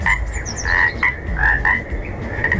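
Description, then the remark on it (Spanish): A toad croaks repeatedly in a steady run of raspy calls, each croak loud and buzzing, over a low rumbling background with no voices. “Hoy, cuac, cuac, cuac, te ronca el sapo.”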